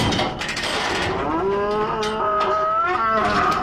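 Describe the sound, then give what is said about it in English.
Cattle being loaded for export at Darwin Port moo loudly, a long drawn-out bellow rising and wavering over a steady background of other livestock noise, with no talking. “Yes, plenty of moo cows getting exported out and some interesting imports coming in.”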